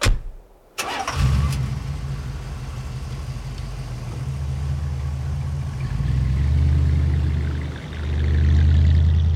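A car engine cranks briefly and catches, then settles into a steady, low rumbling idle that swells slightly near the end, loud with no voices.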